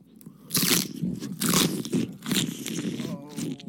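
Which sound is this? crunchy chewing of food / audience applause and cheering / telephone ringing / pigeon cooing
crunchy chewing of food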